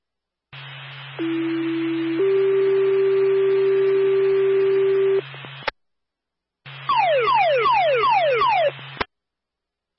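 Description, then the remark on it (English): A fire department dispatch alert tone for Claremont Fire over a hissy radio channel, sent because a caller hears a fire alarm going off: one steady tone, then a longer slightly higher tone, a short pause, then a loud run of rapid repeating sweeping beeps. “Stand by for a tone.”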